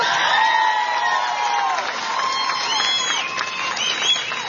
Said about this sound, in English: That cheer tells you what kind of a leader he is.